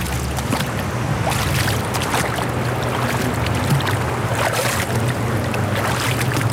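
Water flows steadily into a Kneipp wading basin in Ulm, a continuous rushing wash with a low rumble underneath and no voices, even in loudness throughout.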